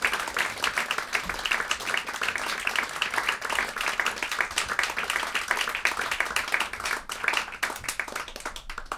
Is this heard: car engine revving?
no